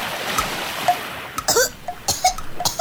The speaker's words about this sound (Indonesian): Tuh kan, kamu gak harus jadi paus dulu untuk ngerasain keselek sampah waktu nyebur ke laut. Itu kan bungkus snack yang kamu buang tadi.